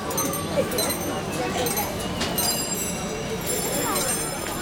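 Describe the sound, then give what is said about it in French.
A busy street in India: a steady wash of crowd chatter and traffic, with bright metallic bells of bicycles, rickshaws and tuk-tuks ringing and tinkling on and off throughout. “Tu entends? Les sonnettes des vélos, des rickshaws, des tuk-tuks.”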